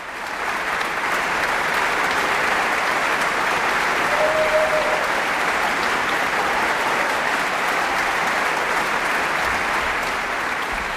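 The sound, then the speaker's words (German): A large concert audience applauds an orchestra steadily and warmly for the full stretch as the whole orchestra rises to take the applause, a dense, even wash of clapping from many hands with no talking over it. “Ja, und das ganze Orchester erhebt sich, nimmt den wohlverdienten Applaus entgegen, denke ich.”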